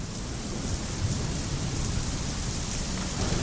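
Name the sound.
rain falling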